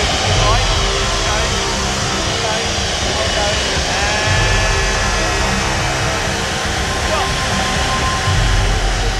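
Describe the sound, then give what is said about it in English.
A loud, steady roar of an aircraft engine as the plane taxis onto its stand, guided by a marshaller, with a continuous high whine and tonal hum holding throughout, and faint voices buried beneath the noise. “… has made a good job of marshalling his first live aircraft. It was a bit scary, but yeah, because you couldn't hear anything, it's too noisy”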